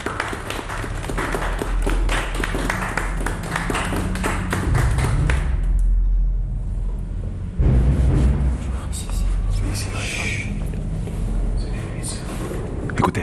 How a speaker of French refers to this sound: Ils applaudissent tous